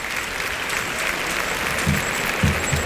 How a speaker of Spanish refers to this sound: Juan Ortega, que deja pasar a los operarios para que pinten la primera raya. Ovación que recibe el torero sevillano frente al burladero de matadores.